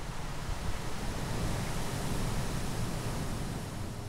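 Steady wind and rolling surf on an open beach on Amrum, an island in the North Sea, on a cool, windy day in mid-May; a dense, continuous roar with a slight swell in intensity, loud, with no voices.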